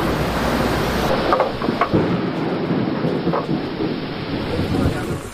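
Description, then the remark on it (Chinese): A deep roll of thunder rumbles through steady, heavy rainfall that hisses continuously and loudly throughout, with no voices present, interrupting the excavation of a mat at an archaeological tomb dig. “席子的发掘工作被雷声打断，大雨随之而来。”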